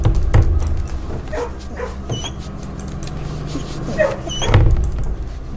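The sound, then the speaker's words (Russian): A dog scratches itself, its rustling and soft thumps on the floor coming in bursts, heaviest at the start and again near the end, over a low hum. “Глобус вертится, псина чешется.”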